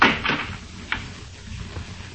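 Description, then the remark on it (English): The front door of a house is opened by someone coming in: a brief rattle and scrape, then a sharp click of the latch and a soft thud, against a quiet background with no voices. “There's someone coming in the front door.”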